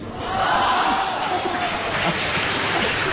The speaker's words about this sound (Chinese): 别鼓掌了。